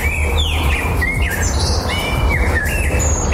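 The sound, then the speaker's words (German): Several birds sing at once in a lively chorus of overlapping whistles and chirps, with a steady low rumble underneath, as if recorded outdoors. No one speaks. “Im Frühjahr singen Vögel nämlich besonders viel, um ihr Revier zu verteidigen und Partner anzulocken.”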